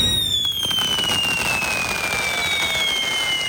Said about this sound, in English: The sound of fireworks this weekend.